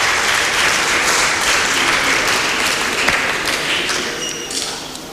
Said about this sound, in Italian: Un applauso, sì.